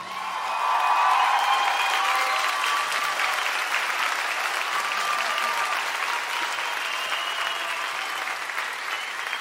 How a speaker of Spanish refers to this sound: Señoras y señores, un fuerte, fuerte aplauso para el maestro Enrique Neri.